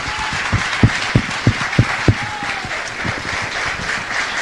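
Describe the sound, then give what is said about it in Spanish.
A church audience applauds steadily, giving applause to the Lord: a wash of many hands clapping with a few sharper individual claps standing out in a rough rhythm, sustained and fairly loud throughout. “¿Qué les parece si le damos un aplauso al Señor por su iglesia?”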